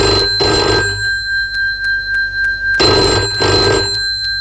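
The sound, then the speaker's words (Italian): A telephone rings twice with a classic double-burst bell pattern, a pause of steady tone between the rings, loud with no voices, before an answering machine picks up. “Risponde alla segreteria telefonica. Lasciate un messaggio e sarete richiamati.”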